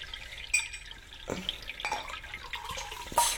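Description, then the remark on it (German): Water trickles and splashes into a glass for a few seconds, with small bright clinks and gurgles, fairly quiet, ending in a brief louder splash. “Möchtest du ein Stück Wasser?”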